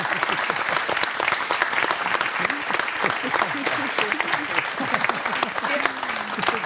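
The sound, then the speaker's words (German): A show audience claps steadily and loudly throughout for a couple married more than 40 years, a dense wash of many hands, with faint voices and cheers mixed into the applause. “Das ist schon mal ein Applaus wert.”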